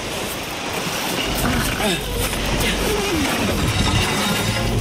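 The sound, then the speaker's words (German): Steady wash of waves breaking on a shore, with a heavy, grinding rumble of a boat hull being hauled higher up the shore across sand and pebbles, and faint muffled voices underneath. “Kannst du mir helfen, das Boot höher zu ziehen?”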